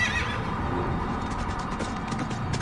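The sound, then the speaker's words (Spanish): A horse whinnies with a high, quavering call that trails off, while hooves clip-clop steadily, the hoofbeats becoming crisper toward the end. No one speaks. “No recuerdo mirar atrás, pero sí el calor sofocante que me persiguió hasta que monté en el caballo y la brisa me azotó la cara.”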